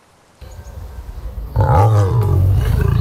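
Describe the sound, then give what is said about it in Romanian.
An African lion in a too-small cage at an illegal zoo in Dâmbovița County, Romania, lets out a deep, powerful roar, building from a low rumbling growl into a loud, sustained bellow with rough, throaty harmonics. No voices are heard. “Printre animalele de acolo erau lei, tigri și urși chinuiți în cuști prea mici.”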